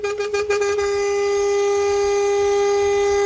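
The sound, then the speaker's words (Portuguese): A loud, sustained truck air horn blares steadily for several seconds, played on a forró radio show as a wake-up honk for drivers on the road. Its harmonic-rich tone opens with a few quick stuttering pulses before holding one continuous blast. “Tudo de bom, mas se tivesse cochilando depois dessa buzinada, menino, ou já foi dessa pra outra, ou acordou na hora, hein?”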